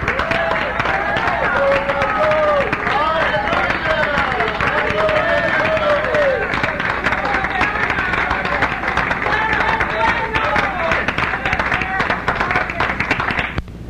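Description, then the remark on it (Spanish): An audience applauds loudly and without pause for God, hailed as 'our King', the dense clapping holding steady throughout while many voices shout and cheer over it. “Fuerte aplauso a nuestro Rey.”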